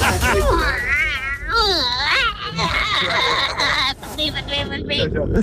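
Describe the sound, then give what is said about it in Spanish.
A person imitates a crying baby, making a loud wailing voice with wavering, rising and falling pitch that continues almost without a break for several seconds. “Igual estoy haciendo la guagua.”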